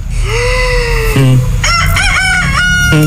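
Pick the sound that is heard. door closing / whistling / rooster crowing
rooster crowing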